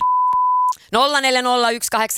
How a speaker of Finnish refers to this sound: Soitin tuossa äsken pienen klipin eräästä biisistä. Sieltä on pari sanaa piipattu ja sun tulisi kertoa, että mitkä ne sanat on.